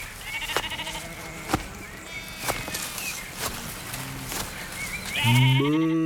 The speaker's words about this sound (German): Als die beiden zur Buche mit den roten Blättern kommen, sehen sie ein graues Schaf mit zotteligem Fell. Die Wolle hat sich an einigen Stellen verfilzt und das Schaf sieht aus, als hätte es viele kleine Zöpfe.